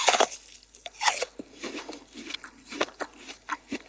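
Someone bites into a crisp apple while sitting by a train window and chews, producing a series of sharp, wet crunches at an irregular rhythm, with brief quieter gaps between the louder bites. No one speaks.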